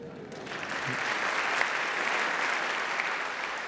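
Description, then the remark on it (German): Sustained applause from a large audience in the HR-Sendesaal, a reverberant hall, a steady dense wash of clapping hands at moderate loudness that holds evenly from start to finish. “Wie der Applaus zeigt, schätzt das Publikum im HR-Sendesaal die Arbeit”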